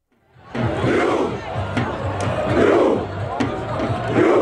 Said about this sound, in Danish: Ja, der har ellers været norsk fodboldfeber hele sommeren, hvor ro-kampråbet her også er gået hele verden rundt.